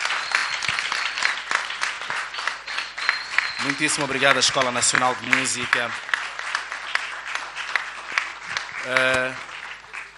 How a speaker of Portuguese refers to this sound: São palmas muito merecidas.